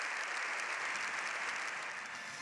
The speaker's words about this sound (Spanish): León XIV ha salido del hemiciclo tras más de 7 minutos de aplausos y gritos de ¡Viva el Papa!